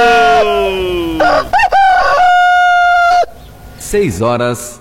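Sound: rooster crowing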